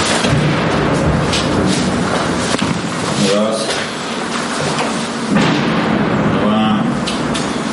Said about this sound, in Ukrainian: Раз за разом лунають вибухи.